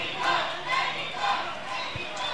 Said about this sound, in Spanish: Lucho Estupiñán apareció para sacar el zapatazo y vencer la resistencia de Nazareno. Pelota que se va adentro a los 50 minutos y que le pone a gritar a la hinchada, sí.